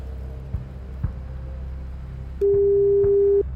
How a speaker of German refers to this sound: Und ich habe jetzt hier eine neue Telefonnummer, die auch schon bimmelt.